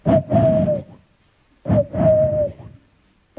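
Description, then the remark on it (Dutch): A voice imitates the cooing of a pigeon heard in a quiet street with a few trees in Aarlerikstol: two breathy, throaty coo phrases about a second each, with a steady low hooting pitch and a pause between them. “En dat is een duif, hè?”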